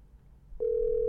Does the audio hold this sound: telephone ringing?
yes